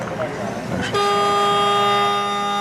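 Brief talking, then a loud game timer buzzer signalling seven minutes of play cuts in abruptly and holds one steady, harsh, horn-like tone for nearly two seconds without letting up.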